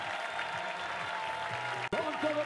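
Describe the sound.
The public at the finish in Granada applauds Movistar rider Enric Mas, winner of the 2026 Vuelta a España, as he rides the last metres embraced by his teammates: a dense, continuous wash of clapping, with faint voices mixed underneath and a brief sharp break near the end before the applause resumes.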